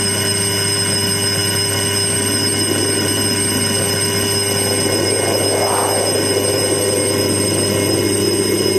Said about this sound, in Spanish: Suena el timbre, suena el timbre.